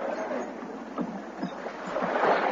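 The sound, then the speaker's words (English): Oars splash steadily as men row a boat through choppy water, keeping its bow into the waves, with a continuous wash of waves and surf around it, moderately loud, no voices. “Shove off, men. Now, pull. All together, pull.”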